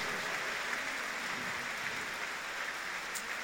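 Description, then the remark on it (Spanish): A church crowd applauds steadily for a few seconds for all the parts of the Minuto de Dios, a dense, even wash of many hands clapping with no pauses and no voices over it. “Démosle un aplauso a todas las partes del Minuto de Dios que lo conforman.”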